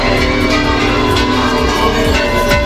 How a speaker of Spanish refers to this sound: La mañana ha arrancado en el Monasterio de las Huelgas al sonido de estas campanas, donde a las 11 se ha celebrado la Eucaristía Solemne, uno de los actos centrales de la festividad.